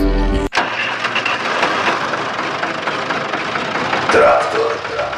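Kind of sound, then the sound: vehicle, tractor engine starting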